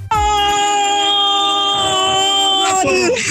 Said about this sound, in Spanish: No vaya a ser yo nada más la que sienta ahí como que el gritote de gol que vamos a escuchar de esta chica. Mira con qué sentimiento, como si estuviera en el partido.